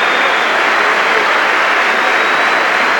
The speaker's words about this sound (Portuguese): Este é o aplauso do Dragão para Victor Froholt.